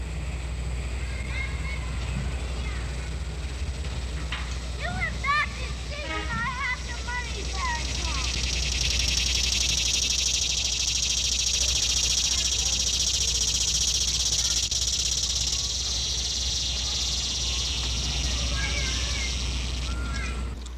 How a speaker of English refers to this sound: In these insects, the abdomen, or hind part of the body, has developed into little more than a living drum. The shrilling of the cicada is loud and common in late summer. Here is a typical cicada now.